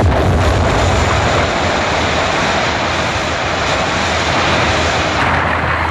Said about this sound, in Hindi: कहते हैं अरबों वर्ष पहले पृथ्वी पर जमीन का एक विशाल टुकड़ा था। किसी कारणवश बड़ा भयंकर धमाका हुआ।